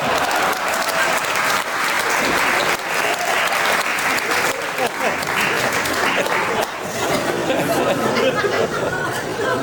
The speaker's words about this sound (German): Ein Applaus für meine Assistentin